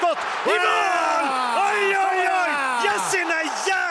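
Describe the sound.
A man yells and cheers loudly and continuously, celebrating Sweden's 1-0 goal against Japan in the final group-stage match, his voice rising in excited, drawn-out whoops that fill the whole moment.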